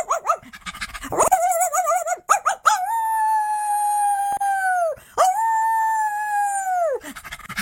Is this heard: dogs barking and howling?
yes